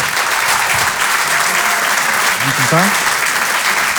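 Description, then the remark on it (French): Loud, sustained applause from an audience at a comedy club as comedian Denis Maréchal is introduced, a dense steady clatter of clapping, with a brief voice calling out faintly underneath near the end. “Je vous demande de l'applaudir très fort également lui aussi.”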